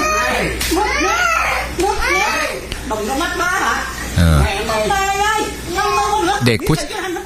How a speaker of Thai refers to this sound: ลองฟังเสียงนะคลิปค่อนข้างที่จะรุนแรงเหมือนกันเขาตบเลยนะตบตีนะฮะนี่